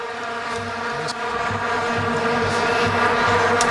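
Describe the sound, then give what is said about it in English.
A mosquito buzzes in a bedroom with a steady, droning whine that holds unbroken for several seconds, fairly loud, with no voices over it. “Oh, the mosquito is in a bedroom.”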